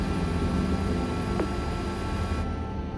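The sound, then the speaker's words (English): A steady, droning mechanical buzz of drone propellers flying over a bowl fills the whole stretch, loud and continuous with a faint rising whine partway through, and no voices. “Yeah, the shadow for the drone's quite bad in the bowl because the orientation we're in, but there's nothing we can do to change that right now.”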